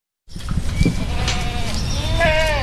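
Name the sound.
goats bleating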